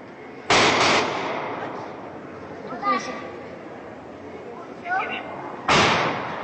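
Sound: gunshots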